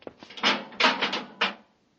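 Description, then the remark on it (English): A series of wooden knocks and thuds as the inner door of an airlock swings and shuts, three heavier bumps in quick succession with a brief rattle between, then silence. “Through the inner door.”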